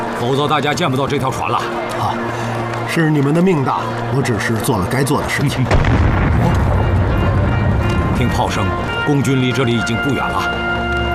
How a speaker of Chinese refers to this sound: 听炮声，共军离这里已经不远了，最多明天下午守卫港口的就会换成共产党的部队。